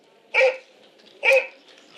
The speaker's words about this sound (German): Begleitet werden sie von ihren Hunden, die kommen von der Jagd, das sind die Jagdhunde. Zu Bruegels Jäger im Schnee hören wir schwere Schritte und bellende Jagdhunde.